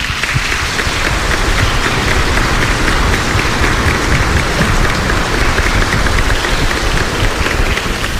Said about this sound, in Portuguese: Vamos acolhê-lo com uma salva de palmas, por favor.